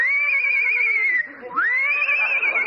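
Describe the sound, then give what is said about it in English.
A horse named Citation whinnies loudly, a high quavering cry that dips briefly in the middle, then rises and wavers again for a couple of seconds, with no talking over it. “Easy getting up on that horse.”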